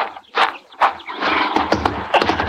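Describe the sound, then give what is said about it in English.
A lame horse gives a few loud, breathy snorts and blows, with hooves shifting and clattering in between. No one speaks. “My horse is lame, but I'll get you home on him.”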